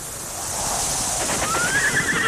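An open grassland ambience with a steady airy wash, where a horse lets out a rising, drawn-out whinny that grows louder toward the end.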